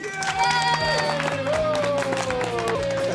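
An audience applauds with steady, dense clapping that holds for about three seconds, while cheering voices carry over the top of it.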